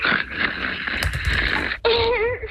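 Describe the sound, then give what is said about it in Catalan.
A husband snores, heard live through a phone line brought a little closer to him: one long, rough, rasping breath followed by a short gap and a wheezier, whistling continuation, sounding thin and muffled. “Podem confirmar que el marit segueix roncant?”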